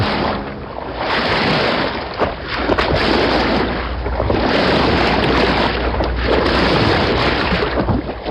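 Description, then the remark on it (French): The Bateau Labo boat crosses Paris in October 2025, its engine a low continuous drone beneath rushing, splashing water and wind noise, loud throughout with no voices. “la fillonnerie traverse Paris. Sur le pont du bateau”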